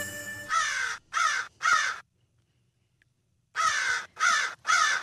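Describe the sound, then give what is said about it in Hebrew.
Fan-tailed raven calls from the Dead Sea area of Israel: three loud, harsh caws in a quick, evenly spaced series, a pause of about a second and a half, then three more matching croaks, with no talking. “מחקר ישראלי חדש על עורבים קצרי זנב באזור ים המלח חושף תובנה כמעט אנושית.”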